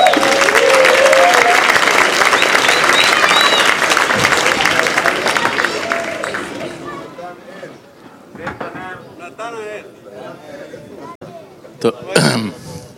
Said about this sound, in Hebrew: כפיים חברים לאיש הזה.